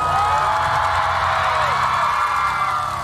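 A large crowd at the opening of a music show applauds and cheers loudly and steadily as a singer is invited on stage, with high-pitched whoops and screams riding over a dense wash of clapping. No one speaks.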